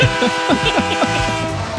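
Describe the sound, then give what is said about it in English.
A loud, sustained train horn blares steadily for nearly two seconds, its chord-like tone holding without a break, with a faint rumble of the moving train beneath it. “We're boarding this train”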